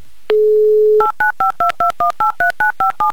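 A steady dial tone hums for under a second, then about eleven crisp touch-tone beeps follow in a quick, even rhythm as a telephone number is dialed. Loud and close, no voices.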